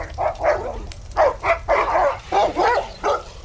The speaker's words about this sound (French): Mais soudain, un chien qui grogne en approchant vers vous.